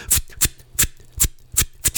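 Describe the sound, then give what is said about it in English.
A static steam engine on display, with a few rosettes on its information board, runs with a steady beat of sharp, hissing chuffs, about six in two seconds, over a low mechanical hum. Nobody speaks. “This is a static steam engine with a few rosettes on the information board, and the owners have come down from Yorkshire and they're sat in a deck chair with a flask of coffee looking proud.”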